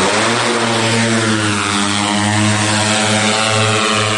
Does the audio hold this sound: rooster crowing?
no